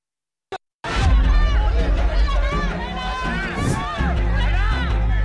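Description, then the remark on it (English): Hundreds of DMK supporters cheer and shout outside a police station as Udayanidhi Stalin emerges after questioning, many voices overlapping in a loud, continuous roar, rising after a brief pause at the start and carrying on without letup. “He emerged to a cheering crowd.”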